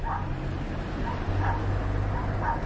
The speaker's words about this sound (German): Doch schon seit Tagen hören die Nachbarn Hunde in einer kleinen Erdgeschosswohnung in dem weißen Apartmentblock bellen. Sie gehören Feridun Farozad, ein dunkelhaariger Mann um die 40 mit Schnurrbart.